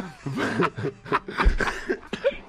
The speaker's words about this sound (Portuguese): Olha, tu tá te sentindo não, mal. Agora, depois da risada, veio a tosse do velho.